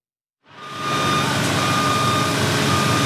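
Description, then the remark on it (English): A man lift's warning beeps sound over dense, loud construction-site noise with saws grinding, as workers build cabinets and finish a new educational center building in Southwest Florida; the noise swells in quickly and holds steady, with no one talking. “Man lifts were beeping and saws grinding as workers built cabinets and were busy finishing the center.”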